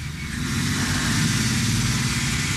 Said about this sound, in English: Mama! Mama! Papa's truck!